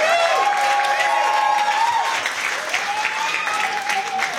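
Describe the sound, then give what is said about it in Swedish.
Steady audience applause for a finalist at a competition final, a dense, even patter of many hands clapping that holds at a fairly loud level for several seconds, with some whistling or cheering tones riding over it. “En applåd.”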